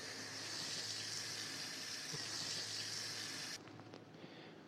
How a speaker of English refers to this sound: then what we want to do after this is basically get the bowl that we used, and we're going to fill it with water. We're going to fill it with water.